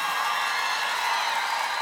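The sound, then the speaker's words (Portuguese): A live crowd in Brasília cheers in a steady, dense roar, with scattered whoops rising from the mass of voices. The noise holds at a constant level throughout, with no clear speech. “Quem gostou faz barulho aí, gente. Que pancada.”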